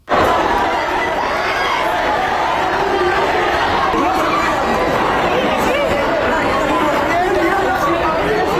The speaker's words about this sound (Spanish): veintena de activistas de la flotilla han llegado al aeropuerto del Prat en Barcelona con denuncias de agresiones de los soldados de Israel. Amigos y familiares los han recibido al grito de Israel: no es un país, es una ocupación, y Palestina libre.